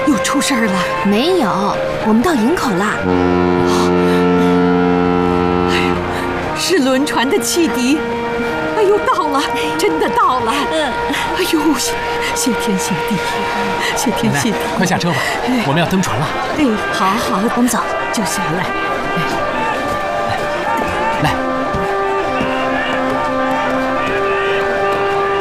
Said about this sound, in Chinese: 没有，我们到营口了。是轮船的汽笛，哎呦，到了，真的到了。